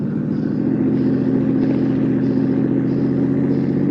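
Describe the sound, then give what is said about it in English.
A car engine roars at high speed during a chase, a loud, steady drone with a rough, throbbing hum that holds constant throughout. No voices are heard. “The car ahead lost some of its crazy fear. You're gaining.”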